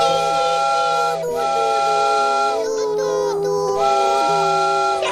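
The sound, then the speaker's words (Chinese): A loud steam train whistle blows a sustained, chord-like tone for about five seconds, wavering briefly twice before holding steady again, with a faint hiss of steam underneath. “对了，小朋友们，火车鸣笛的声音是什么样的呢？”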